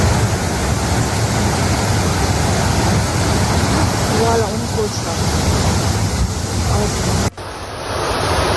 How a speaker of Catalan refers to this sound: L'aigua baixava amb tantíssima força que es van dur cotxes i va convertir carrers sencers en autèntics rius